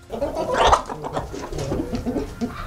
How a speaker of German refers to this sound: Wir spielen Ihnen nochmal alle drei Hennen vor. Und Ja? Sie müssen sagen, welche davon könnte denn die sein, die man preisbekommen hat. Also hier nochmal Henne Nummer 1. Okay, Henne Nummer 2.